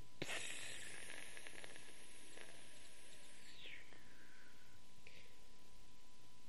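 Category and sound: household object, pressure cooker releasing steam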